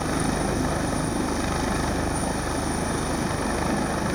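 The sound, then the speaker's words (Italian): A Coast Guard helicopter's rotor thumps steadily and loudly as a diver lowers himself from it into the water: a dense continuous roar with rapid rhythmic beating and no voices. “Nel pomeriggio, poco prima delle 5, quando le speranze di ritrovare il ragazzo erano sempre minori, un sommozzatore si cala in acqua dall'elicottero della Guardia Costiera e si assiste a un'immagine incredibile.”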